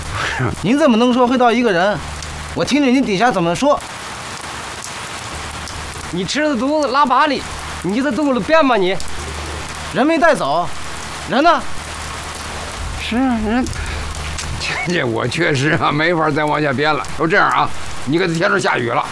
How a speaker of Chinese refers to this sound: 下雨了，咱们大伙进屋去，我慢慢跟你们往下说，好吧？